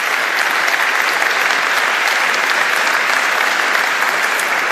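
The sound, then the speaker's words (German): Steady applause from an audience, given as a collective round of applause for the politicians, fills the whole stretch, a dense, even wash of many hands clapping at a constant loudness with no voices rising above it. “Da vielleicht ein gesammelter Applaus für die Politik.”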